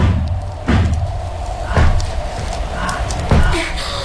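Three heavy, booming thuds against a door, spaced a second or so apart, loud over a low, steady rumble of background noise.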